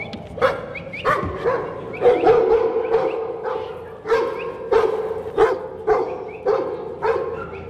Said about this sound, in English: Didn't stay on the truck, but came to bark up for his old mate, proper working dog.